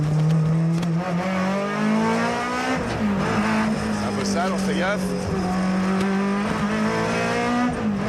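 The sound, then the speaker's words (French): A race car engine drones loudly and steadily on track, its tone climbing slowly and dipping briefly a couple of times with throttle changes, while a man talks over it. “Le son est juste fabuleux. C'est une boîte de plaisir cette voiture.”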